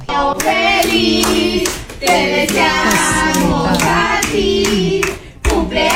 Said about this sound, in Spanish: manera en la que el perrito reacciona cuando le están cantando las mañanitas y que tiene su pastelito ahí enfrente y que la gente aplaude y el perrito como que aplaude. No, está tan tierno.